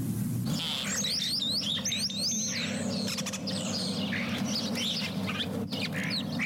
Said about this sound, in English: That was last week's mystery bird, the European starling. Starlings are ubiquitous in cities, and St. John's is no exception. You can often see these small, straight-winged, and yellow-billed birds perched on telephone wires